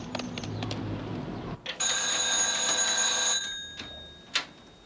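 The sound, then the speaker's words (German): A telephone bell rings loudly and continuously for about a second and a half, with shrill metallic harmonics, after some muffled clattering and low rumbling; a few sharp clicks follow. “Das Telefon”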